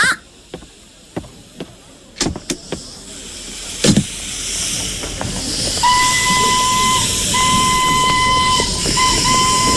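A steam train hisses loudly, starting with a few sharp metallic clanks before the steam builds. A sustained whistle then sounds in long blasts with brief breaks, without voices.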